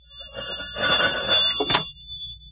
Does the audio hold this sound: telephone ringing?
yes